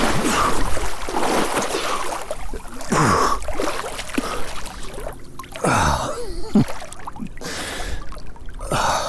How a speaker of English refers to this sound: After beaching the canoe, it's finally time to dive in.